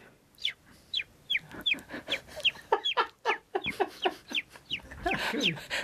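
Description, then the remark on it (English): A voice imitates a baby chicken for a farmyard scene, producing a rapid series of high, thin peeping chirps, about a dozen in quick succession, fairly loud, with no talking. “And then the other one is if you have a farmyard scene, I can do baby chicken.”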